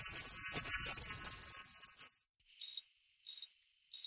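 Crickets chirp: a dense, buzzing trill fills the first half, fades to silence, then three loud, evenly spaced chirps ring out alone.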